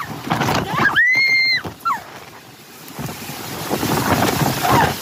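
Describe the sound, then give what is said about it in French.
Loud, violent wind gusts from a thunderstorm roar and buffet the microphone throughout, surging and easing in waves, with a brief high whistling cry cutting through early on, in Fouras, Charente-Maritime, France, where people are caught in the gusts. “En quelques secondes, ces personnes se retrouvent piégées par de violentes rafales de vent.”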